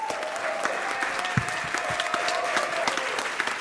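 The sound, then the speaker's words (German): An audience applauds a band at the end of their performance, a dense continuous wash of clapping with scattered sharper claps and a faint sustained tone underneath, lasting several seconds without letting up. “Ein Applaus für ….”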